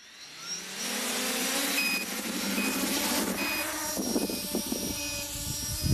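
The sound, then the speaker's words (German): Rotors of one of the first three drones built by a tinkerer from Saienogorsk spin up for a test by camera operators, into a steady, high-pitched buzzing whir with thin whining tones on top, growing louder at the start and then holding a constant droning hum. “Starte die Rotoren.”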